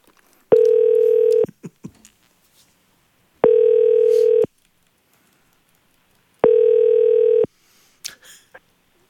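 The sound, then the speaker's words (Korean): Three evenly spaced telephone ringback tones of an outgoing call placed live on a broadcast, each a steady electronic beep about a second long with equal pauses between them, loud, with a few faint clicks and rustles in the gaps. “자, 전화 연결 바로 가보도록 하겠습니다. 네. 첫 번째 전화 연결 해주세요.”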